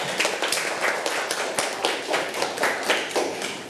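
A group of children clap their hands for their classmates who answered, at their teacher's request during a lesson, a dense, uneven patter of sharp claps lasting a few seconds at a steady, moderate loudness with no talking.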